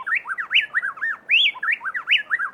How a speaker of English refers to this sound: In Ecuador, plain-tailed wrens blend their voices so perfectly that it sounds to our human ears as if just one bird were singing.